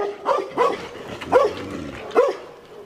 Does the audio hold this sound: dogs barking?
yes